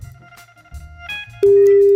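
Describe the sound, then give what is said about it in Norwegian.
A steady electronic telephone tone sounds loudly and continuously in the second half, preceded by fainter beeping tones and low background rumble; no one speaks. “Det bare ringer, så bare ja, slapp av.”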